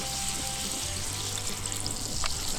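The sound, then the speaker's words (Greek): A steady, dense sizzle of sauce bubbling and reducing in a hot pan, continuous, with a low rumbling undertone and no talking; a little water has been added and the sauce is left to glaze for about 15-20 seconds. “λίγο νεράκι και αφήνουμε να γλασάρει”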